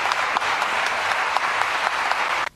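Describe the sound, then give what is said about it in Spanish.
Steady, dense applause from an audience for the youth orchestra of Barrio Inta in Chubut province, a broad wash of many hands clapping at full strength for over two seconds before it drops off abruptly at the end. “Un fuerte aplauso para nuestra querida orquesta del Barrio Inta.”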